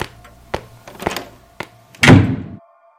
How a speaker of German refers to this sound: Das kam jetzt unerwartet. Aber sowas von. Erst kriegt er den Mund nicht auf und dann... Und dann klatscht es.